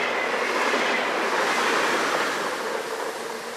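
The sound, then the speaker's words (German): An 80-year-old steam locomotive runs steadily along the rails in the Czech Republic, a loud, dense rumble and hiss, fading slightly toward the end. No one speaks. “Und das 80 Jahre alte Stahlrost zeigt noch einmal, was in ihm steckt.”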